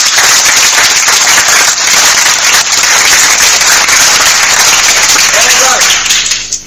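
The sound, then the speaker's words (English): A loud, steady round of applause from a crowd during a quiz after a correct answer, dense overlapping clapping that holds for about six seconds before stopping abruptly. “A round of applause.”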